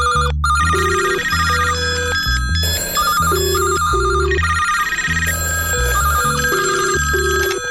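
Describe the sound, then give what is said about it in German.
A telephone ringtone plays loud, a bright, melodic electronic tune repeating in a steady rhythm for several seconds, with no voices present. “wer ist am Telefon?”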